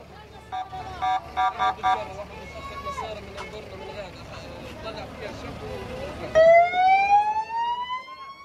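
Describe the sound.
Ambulance and civil defense sirens sound amid commotion as crews rush to a vehicle hit by an Israeli drone strike near the Islamic University in Gaza City: short pulsing bursts early on, then a loud siren rises in a sweeping wail, with voices murmuring in the background.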